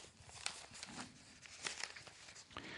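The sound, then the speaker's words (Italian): Crisp paper rustling and crinkling as newspaper pages are turned to page 21, with several sharp swishes over about three seconds, fairly quiet, with no voices. “Pagina 21, eccola qua.”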